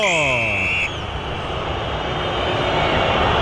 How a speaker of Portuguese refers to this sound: Vaias! É o que o Corinthians merece na noite de hoje, uma noite tétrica do Corinthians, um desempenho absolutamente vergonhoso, merece protestos mesmo.